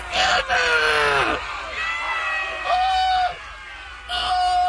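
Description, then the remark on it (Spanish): A crowd of jungle inhabitants yells angrily in Spanish, shouting "¡Asesino!" (murderer) in loud, overlapping bursts, roughly three waves of shouting with brief dips between them. “El elefante había pisado a la hormiga y todos los habitantes de la selva empezaron a gritar: ¡Asesino!”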